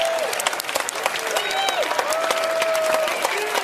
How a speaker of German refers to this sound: Einen riesen Applaus für